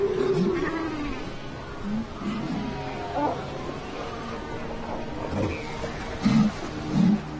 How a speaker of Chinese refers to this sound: 刚刚荣升母亲的海狗对自己宝贝占有欲极强，甚至会为此大打出手。